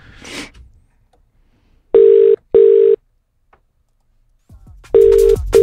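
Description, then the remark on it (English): An outgoing phone call's ringing tone repeats in steady double bursts, two close pulses then a pause before the next pair, loud and clear down the line, with a brief rustle at the start. “Let's give him a call.”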